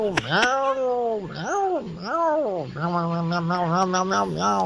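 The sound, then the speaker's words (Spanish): A human voice imitates a male cat's meow, drawing out several wavering, yowling cries in a row, loud, ending in a rapid warbling run of quick meows. “Así debe haber estado ese gato.”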